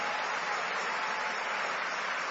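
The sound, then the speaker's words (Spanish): A church audience applauds God in a dense, steady wash of clapping that holds at the same loudness throughout, with no voices rising above it. “Y denle un aplauso al Rey de Reyes y al Señor de Señores.”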